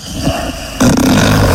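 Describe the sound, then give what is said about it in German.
A man snores with a harsh, rattling rumble, a softer breath giving way to a loud, raspy snore that holds steady to the end, with no talking. “Na da, ja, du schnarchst schon wieder.”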